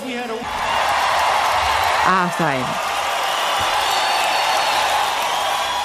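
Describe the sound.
A crowd applause and cheering sound effect, played by the technical support on ERT's 102 radio station, fills the scene at a steady, loud level, with a whoop rising briefly from the crowd and a short spoken phrase at the start.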